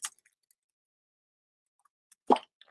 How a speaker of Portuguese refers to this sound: Vou tomar um golinho de água, viu?